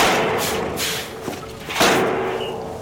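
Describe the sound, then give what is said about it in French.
The heavy metal rear door of a truck trailer at a circus thuds and bangs open over a steady rumbling background, with two distinct impacts about half a second apart followed by a rattling clatter. “Monsieur Loyal s'approcha de la porte arrière pour libérer le nouveau.”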